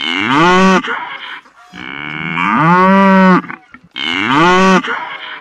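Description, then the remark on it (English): Cows mooing loudly on a farm, three long, drawn-out moos in a row with short pauses between them, and no voices. “That was some mooing cows.”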